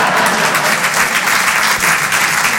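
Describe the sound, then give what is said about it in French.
An audience claps steadily, a dense, loud wash of many hands that holds at an even level for a few seconds with no voices heard. “Oui, on peut applaudir la façon dont je baisse ma femme.”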